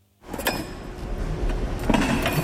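Chairs are lifted off a stack with a steady clatter of scraping and clanking, broken by a few sharper metallic knocks and faint ringing tones, with no voices.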